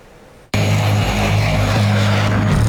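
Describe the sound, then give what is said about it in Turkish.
After a brief quiet moment, a military jet's engine roar bursts in loud, holding as a steady, powerful drone with a deep humming undertone, no voices. “Almanya ve İngiltere'den savaş jetleri sevk ediliyor.”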